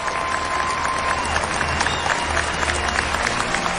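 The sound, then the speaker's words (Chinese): Steady, dense applause from a large audience welcoming three guests to a TV program about traditional Chinese wedding attire, loud and continuous, with no pause or clear rhythm, without any talk over it. “首先让我们响起热情的掌声，欢迎来到今天节目当中的三位嘉宾”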